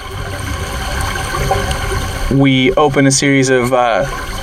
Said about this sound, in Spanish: Abrimos una serie de esclusas y entonces el agua fluye durante cierto tiempo. Entonces la cerramos y pasamos a la siguiente. Es un sistema de riego sencillo basado en la gravedad, ya que utiliza la pendiente del suelo, sin electricidad